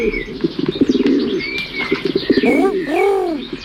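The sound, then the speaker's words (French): A pigeon coos, its soft, rolling calls swelling near the end, after a burst of fluttering wings and rustling movement. No one speaks. “Un pigeon, parfait.”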